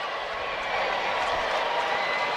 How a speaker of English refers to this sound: I hear some cheering. Are they starting the wave? I believe that. You can always tell when the wave's coming. There's some people get really excited about that. I think it started with the tarps off people in right field.